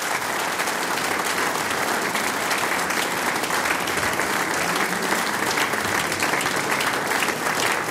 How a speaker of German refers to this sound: Hätte ich jetzt einen Hut auf, dann darf ich ihn ziehen vor euch. Das ist euer Applaus.